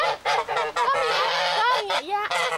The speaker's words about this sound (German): Ich mag meine Gänse. Die eine humpelt ein bisschen.